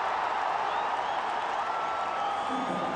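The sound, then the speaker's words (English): A large cricket crowd roars steadily throughout, a dense wash of cheering and clapping with no breaks, as Surya Kumar drives the ball nicely down the ground. “And that gets the crowd going.”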